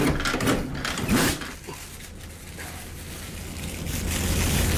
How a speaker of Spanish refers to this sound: mete las manos debajo del grifo. Cuando retiene agua suficiente, se la lleva a la boca.